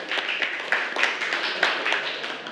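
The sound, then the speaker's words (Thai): A group in a math class claps for the last student to answer correctly, a steady burst of applause, many hands overlapping into a dense, bright patter with a few sharper claps standing out, lasting a couple of seconds with no talking. “ถูกต้องนะคะเก่งมากค่ะปรบมือให้กับคนสุดท้ายของเราค่ะ”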